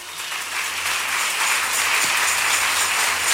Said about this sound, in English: Clap for Jesus.